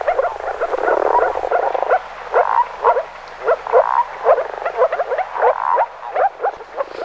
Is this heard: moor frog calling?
yes